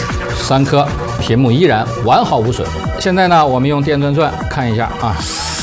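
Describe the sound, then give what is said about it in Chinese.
A power drill whirs continuously through the whole stretch, drilling into the screen of an AI smartphone to test it, partly buried beneath a man talking loudly and steadily over it. “现在呢，我们用电钻钻看一下啊。”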